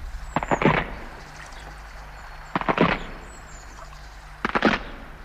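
Three loud bursts of splintering wood cracking and snapping as a footbridge breaks, each a quick cluster of sharp cracks, spaced a couple of seconds apart over a low steady hum.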